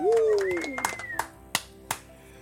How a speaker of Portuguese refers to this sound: Bate palmas aí pro futuro lindo que você tem.